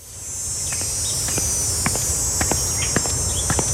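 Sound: cicadas chirping in summer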